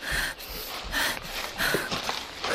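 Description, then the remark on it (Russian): Heavy, rapid panting breaths of a pursuing nephew right behind, loud, repeating in a quick steady rhythm of rough, breathy gasps with no talking. “Жаркое, обжигающее мне спину дыхание племянника.”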